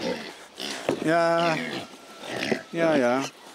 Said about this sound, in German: Nächste Station der Alltempo-Fütterung. Die schwäbisch-hellischen Schweine. So, wo fangen wir denn an? So, na, ihr habt eine schöne Schweinerei gemacht.